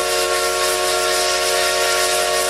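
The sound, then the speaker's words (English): A vintage steam locomotive whistle of the Essex Steam Train in Connecticut's River Valley blows one loud, sustained blast, its layered chord-like tone wrapped in rushing steam hiss for a few steady seconds with no voices. “All aboard the Essex Steam Train and Riverboat for unforgettable events all year long.”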